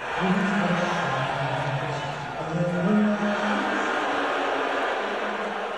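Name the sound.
arena crowd booing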